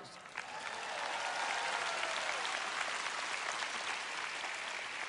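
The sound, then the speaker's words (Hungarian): An audience applauds God in sustained applause, a dense, steady wash of many hands clapping at an even loudness throughout, with no voices standing out. “Tapsoljuk meg Istent.”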